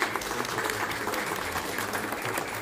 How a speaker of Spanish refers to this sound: Damos un aplauso.